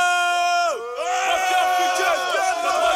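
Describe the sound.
A loud, sustained high-pitched shout opens a song, holding a strong tone, swooping down briefly, then carrying on with wavering pitch as more energetic yelling and crowd-like voices fill in behind.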